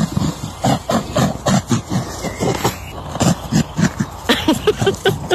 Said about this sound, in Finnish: Tämä on rusakko. Tiedä, onko se porsas vai koira? Eikä ne muuten ääntele muuta kuin tällä jotenkin hönkimällä tai haistelemalla. Rusakko se siinä tuhisee.